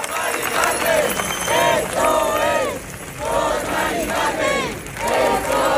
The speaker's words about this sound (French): Ils sont des milliers depuis mercredi à crier le nom d'une femme qu'ils n'ont jamais rencontrée.